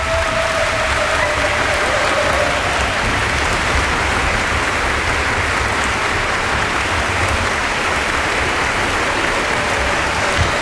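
A large audience applauds loudly and steadily in the Gallus Hall of Cankarjev dom concert hall, a dense, sustained wash of clapping and ovation after Slovenian violinist Lana Trotovšek's performance with an orchestra conducted by Robert Treviño, continuing without pause for the whole stretch.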